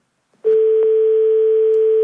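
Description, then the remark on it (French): A steady electronic telephone tone after a call is cut off starts abruptly and holds at an even pitch without interruption, loud, with a couple of faint clicks near the start and no voices. “Ah, on a été coupé.”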